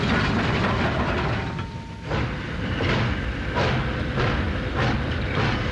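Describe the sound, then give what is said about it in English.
A locomotive, taken off its speed limit to haul gondolas up a flooded valley in a hurry, speeds along the rails with a loud, steady rushing roar, broken by regular rhythmic clacks roughly every two-thirds of a second. No one speaks. “That 1600 won't make it fast enough, so I'm taking the kettle off the limit.”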